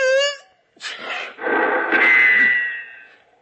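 A drawn-out vocal build-up bursts into a sharp sneeze, then a loud gunshot, fired in the dark at the sound of the sneeze, cracks out and rings off with a long, whining ricochet tail.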